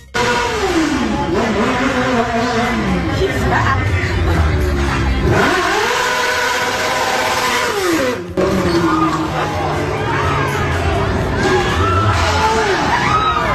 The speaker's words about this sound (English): Now, the screaming comes after a person threw a garbage pail at the motorcycle operator who was speeding down the street.